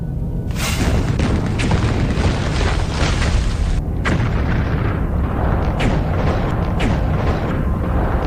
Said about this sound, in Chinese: 过了不多久，从小丰满水电站方向传来一阵剧烈的爆炸声。原来曾泽生命令554团找了几个空地方引爆了埋好的炸弹，但水电站却安然无恙。